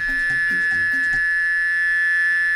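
A cicada drones with a steady, shrill buzz that holds loud and unbroken from start to finish, with a few soft low thumps beneath it during the first second.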